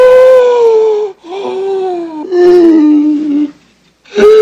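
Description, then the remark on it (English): Loud, wheezing breaths with a whiny, tonal quality, about three long drawn-out sounds that sag in pitch, separated by short pauses, with no talking; a man breathing noisily while another man rubs his back and neck. “Oscar stops, listening to Felix's noisy breathing.”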